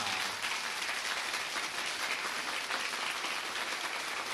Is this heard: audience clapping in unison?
yes